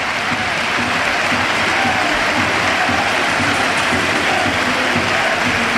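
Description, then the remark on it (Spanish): The stadium crowd at Anoeta gives a sustained, dense ovation to world champion Mikel Oyarzabal as he heads to the dressing room, thousands of claps blending into a steady roar that stays loud and even throughout, with no distinct voices standing out. “Ovación a Noeta, a su campeón del mundo.”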